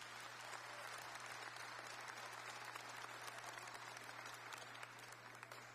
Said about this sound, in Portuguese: Pode aplaudir os nossos voluntários. Muito obrigado.